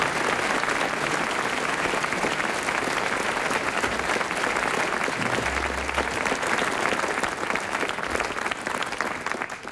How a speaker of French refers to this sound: Il a été très brillant, Hervé Le Tellier, on l'applaudit.